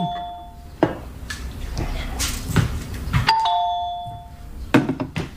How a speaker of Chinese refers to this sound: 哎，有人按门铃